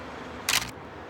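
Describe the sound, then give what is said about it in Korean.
A single crisp shutter click from an old camera photographing the street in front of a laundry at 86 Pungjin-dong, a quick two-part mechanical snap against a quiet background, with no voices. “영원은 셔터를 눌렀다.”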